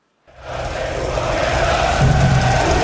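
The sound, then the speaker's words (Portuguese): A large crowd of home soccer fans roars and cheers continuously in the streets of Toronto, Canada, after a brief silence, a dense wall of excited voices and shouting that stays loud and steady throughout, with no single speaker standing out. “o ambiente começou cedo aqui em Toronto com muita festa da torcida da casa e a gente vai acompanhar agora na reportagem.”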